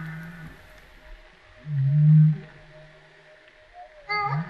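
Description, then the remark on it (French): A humpback whale calls in a low, drawn-out moan around two seconds in, followed later by a brief rising upsweep with bright overtones, heard alone over a faint underwater hiss. “Est-ce que ça, c'est une baleine à bosse qui répond, ça ?”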